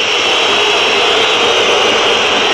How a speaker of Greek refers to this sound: Ακούτε τις αποδοκιμασίες τώρα.